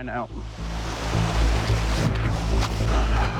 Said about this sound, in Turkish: Çılgınca bir rüzgar var.